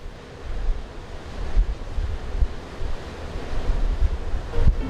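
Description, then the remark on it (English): Baltic Sea waves on the coast of former East Germany wash and surge continuously with a broad, rumbling roar, swelling and easing over several seconds, mixed with gusty wind noise buffeting the microphone. No voices are heard. “The Baltic Sea, a beloved destination and symbol of summer fun and idyllic holidays.”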